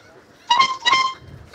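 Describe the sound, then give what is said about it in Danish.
Two short, bright horn blasts in quick succession, loud, a boat's horn tooting a couple of notes of a piece of music, with no one talking. “Og han vil nu sammen med ejerne af båden Trutte Dytte et stykke musik, som vores lytter, der har ringet ind,”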